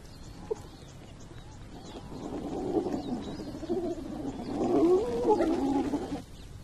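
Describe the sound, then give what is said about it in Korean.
Hyenas rushing in on a lion's leftover kill after the lion leaves, a chorus of excited, wavering yelps and growls that builds over a few seconds, loudest near the end, against a faint outdoor background. “사자가 떠난 하이에나들이 달려들죠.”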